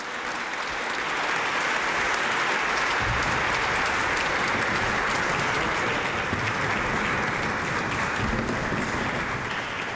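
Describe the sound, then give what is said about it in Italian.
Loud, sustained applause from a large audience after a performance by the Apollo choir of Bratislava at the 57th edition of the Virgola Auretana, a dense steady clatter of many hands clapping for the full stretch with no voices standing out. “Bene, una serata bellissima, davvero tante tante emozioni, questo applauso che sento molto forte certifica in effetti la qualità della 57esima edizione della Virgola Auretana.”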